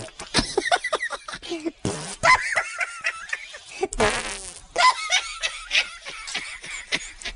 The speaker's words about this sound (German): Die Hefen und die Bakterien essen den Zucker, der im Mehl ist, und verdauen ihn. Dabei pupsen sie ein Gas aus, CO2.